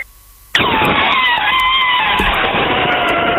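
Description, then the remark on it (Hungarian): A person imitates an elephant trumpeting: one loud, blaring, harsh cry held for about three seconds, its pitch dipping briefly partway through, after a short quiet moment. No speech accompanies it. “amit tök jól tudok utánozni, az az elefánt.”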